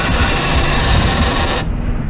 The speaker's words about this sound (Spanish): Suena. Compras o ventas. Suena la... ¿La monedita? La monedita.